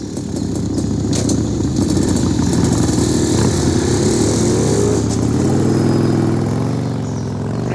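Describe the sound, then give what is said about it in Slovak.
Loud motorcycle engines ridden by a group of bikers rumble steadily, then rev up with a rising whine toward the end, as if pulling away. “Okamžite sa pusti za nimi. Tu tí motorkári?”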